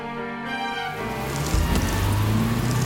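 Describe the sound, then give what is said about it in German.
Steady rain hisses across a broad band in a scene of an audio drama, joined partway through by a deeper low rumble like an engine or road noise, with faint tonal hum lines at the start. “Ich stand schon eine halbe Stunde an der Straße. Und das bei dem Regen.”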